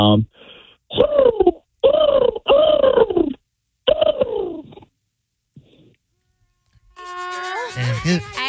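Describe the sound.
A person imitates a bird call, one used by friends to find each other at festivals, with four loud, warbling vocal bursts whose pitch swoops up and down, separated by short gaps, before a pause and a bit of other voices at the end.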